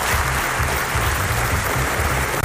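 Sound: standing ovation applause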